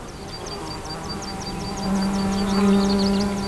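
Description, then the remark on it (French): Insects buzzing outdoors near a mountain pass: a rapid train of high, repeated chirps runs throughout, and midway a steady, louder low droning buzz joins in. No voices. “Et le silence est éclairé par ces insectes et ces oiseaux.”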